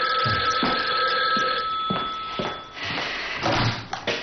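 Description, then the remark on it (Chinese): An old-fashioned telephone bell rings steadily for a few seconds over a hissy background, with a few dull knocks and thuds mixed in and no one speaking; it is a phone call to Yu Zecheng. “余则成接到电话，得知吴站长已经回来。”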